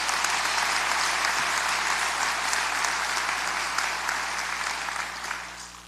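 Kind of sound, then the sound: crowd, round of applause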